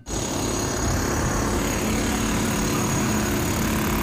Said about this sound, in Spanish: Los vecinos denuncian que maquinaria, golpes, taladros y trabajos de demolición durante la noche y la madrugada pues representa, nos supone para ellos, un verdadero horror.